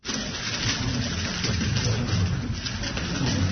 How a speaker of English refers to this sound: That's the clicking sound of a Rubik's Cube being speedily solved by a six-year-old.